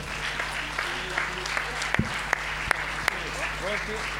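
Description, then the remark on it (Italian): An audience applauds steadily for a few seconds as a plaque is presented to the Italian Red Cross volunteers of the Liguria Regional Committee, a dense wash of clapping with a few sharper, louder claps standing out, while faint voices murmur underneath. “Chiamiamo dunque anche la Croce Rossa Italiana del Comitato Regionale della Liguria, anche a lei diamo la targa, ecco il bel applauso.”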